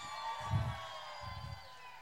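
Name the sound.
audience cheering and applauding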